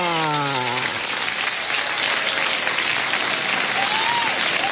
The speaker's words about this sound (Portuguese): Agora os aplausos para os aniversariantes.